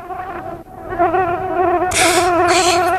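A fat fly that flew in through the door from the street buzzes steadily for a few seconds indoors, its droning pitch wavering as it circles, briefly fading then growing louder toward the end. No voices.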